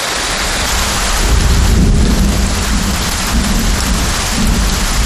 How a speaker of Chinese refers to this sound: 本地普降大道暴雨，最大降雨出现在九道港。